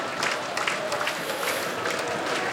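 A large crowd of Halmstad football fans stands, roaring and applauding continuously after their team goes 1-0 up against Örgryte, a dense, steady wash of cheering and clapping with scattered brighter shouts rising out of it.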